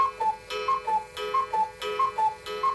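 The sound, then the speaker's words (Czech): A cuckoo clock ticks in a steady tick-tock rhythm, about three beats every two seconds, with softer clicks between the louder ones over a faint sustained tone. No one speaks. “A že jsme z jedné rodiny, zdědili jsme po dědečkovi jedny kukačkové hodiny.”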